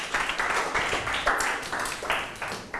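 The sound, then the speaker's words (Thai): A class of students applauds their classmates in group 2: a dense, steady patter of many hands clapping at a moderate level, swelling in uneven waves for a few seconds with no talking over it. “ปรบมือให้เพื่อนกลุ่ม2หน่อยครับ”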